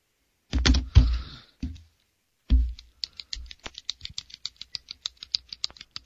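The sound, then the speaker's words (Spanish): A few loud handling thumps and rustles, then a ballpoint pen clicked over and over in a quick, uneven run of sharp clicks with no voices. “Te estoy escuchando lo que siempre haces con el bolígrafo.”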